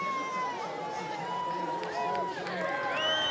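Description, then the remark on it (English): A crowd at a soapbox race cheers on a soapbox heading down towards the chicane, cheering and shouting at a steady, fairly loud level, with overlapping voices and a few rising whistle-like calls standing out above the general roar. “Cheered on by the crowd, down towards the chicane.”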